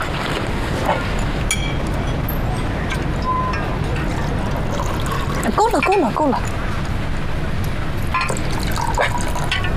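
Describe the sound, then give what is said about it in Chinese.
Liquor pours into a glass for about a second during a meal, its gurgle rising steadily in pitch as the glass fills, heard against a busy, noisy background. “咱俩喝点儿。 少整点也行。”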